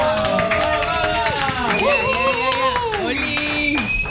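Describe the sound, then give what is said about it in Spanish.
Steady, dense applause from an audience fills the whole stretch, with sustained voices cheering and whooping over it, their pitch sliding up and down, as a guest expert is welcomed on an FM radio show. “Bueno, ahora sí, le damos fuerte el aplauso, por favor,”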